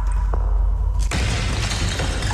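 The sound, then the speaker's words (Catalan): A sudden sharp crash of a clay jar breaking, struck by a stone thrown into a cave, bursts out after a second of low rumbling quiet, followed by a sustained bright clattering hiss of fragments settling. No voices are heard. “En Mohamed llança una pedra en una de les coves i sent el soroll d'alguna cosa que es trenca.”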